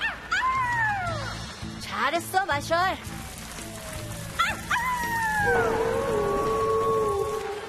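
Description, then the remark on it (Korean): Several wolves let out long, rising and falling howls, broken by a flurry of quick yips, fairly loud. A voice speaks briefly in the middle. The wolves have been brought along by Marshall. “대장, 마셜이 늑대들을 데리고 왔어.”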